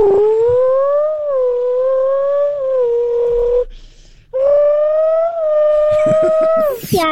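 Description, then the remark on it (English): A voice imitates a GTR sports car engine with a steady buzzing drone that wavers slightly in pitch, breaks off briefly, then resumes and revs upward sharply at the end. “a car sound I can make is a GTR.”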